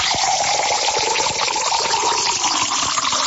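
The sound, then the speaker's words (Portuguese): Drinking water pours steadily into a glass for a few seconds, a continuous splashing stream whose pitch rises slightly as the glass fills. Fairly loud, with no talking. “Mas deixa pra lá, vamos tomar água mesmo, vamos lá.”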